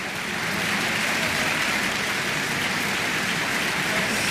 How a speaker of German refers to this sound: Jetzt ist gerade noch mal das gesamte Ensemble hier auf die Bühne gekommen in der Kölner Philharmonie, nimmt den Beifall entgegen.